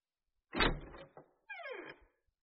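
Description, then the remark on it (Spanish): Knocking on a door in two short bursts with a rattling, slightly creaky edge, alone with no talking. “Hija, toca la puerta.”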